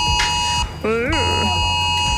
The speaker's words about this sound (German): Hast du auch die Sirenen gehört?